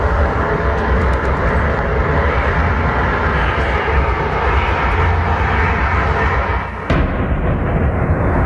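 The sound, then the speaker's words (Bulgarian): A loud, steady engine drone of an attack drone flying overhead fills the whole clip with a constant rough buzz, briefly dipping near the end before resuming; a drone that struck a 10-storey apartment building in central Galați, Romania, near the Ukrainian border, in the early hours of Friday. “В поредна нощ от руски удари срещу Украина 10-етажна жилищна сграда в центъра на румънския град Галац, близо до украинската граница, беше ударена от дрон в ранните часове на петък.”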